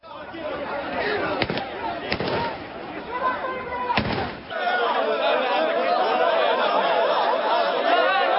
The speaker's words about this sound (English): You could hear the sound of police firing shots in the air as they struggle to contain crowds of people.